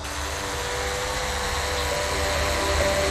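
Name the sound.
drone taking off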